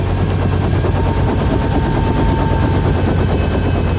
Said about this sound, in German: Der Hubschrauber landete auf einem Feld direkt neben dem Hauptquartier.